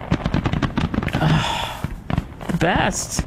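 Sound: fireworks exploding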